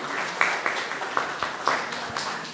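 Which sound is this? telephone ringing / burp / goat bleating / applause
applause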